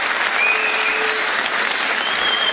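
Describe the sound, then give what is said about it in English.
Steady applause from a crowd fills the whole stretch, a dense, even wash of many hands clapping at once, with a faint whistle-like tone threading through it. No one speaks. “Nobody clapping knows what he said.”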